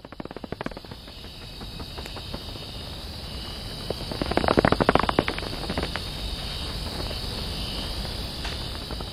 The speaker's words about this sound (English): I want you all to hear what a rights-bearing, breathing, living cloud forest sounds like.